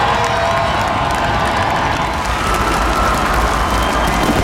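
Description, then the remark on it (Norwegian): A large outdoor crowd of tens of thousands cheers and applauds at Slottsplassen as the World Cup national team walks out, with the guard lined up. A steady, dense roar of clapping and shouts, loud and unbroken throughout, with occasional higher whoops rising above the noise. “Gående samlet ut på Slottsplassen til jublende applaus og garden oppstilt, fikk VM-heltene endelig møte folket som har heiet dem frem.”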